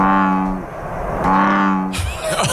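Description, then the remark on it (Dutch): A frog of an invasive, non-native species gives two deep, droning calls, each a steady low hum about half a second long with a short pause between, followed by a brief burst of rustling noise at the end. “Ik onderscheid hem wel duidelijk van onze gebruikelijke kikkers.”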